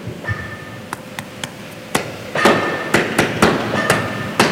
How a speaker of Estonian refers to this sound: Siis ta läks mööda seda seina ülesse üksi. Ja koputas. Vot nii, niimoodi.